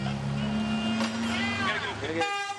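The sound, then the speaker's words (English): Car and bus horns honk for cyclists over steady street traffic, their tones overlapping for a couple of seconds, with voices murmuring underneath. “People honking for bikes now. Yeah. Even the bus.”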